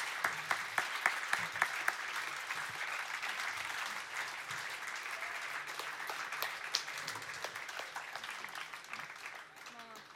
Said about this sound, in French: Bon, un super grand applaudissement pour tous les bénévoles et organisatrices.